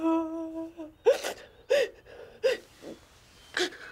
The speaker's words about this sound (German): Ja, der Papa ist ja bei dir. Wo soll ich denn jetzt hin? Ich kann doch nicht wieder in die Wohnung zurück. Nein, das musst du auch nicht. Nicht weinen, Kleines.